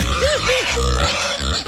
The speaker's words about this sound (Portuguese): Ela tá aí, o porquinho.